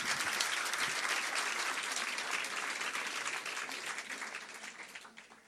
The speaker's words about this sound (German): Und nochmal einen Applaus bitte für den Slammer.